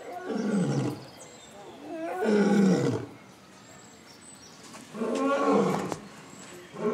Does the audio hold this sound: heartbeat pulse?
no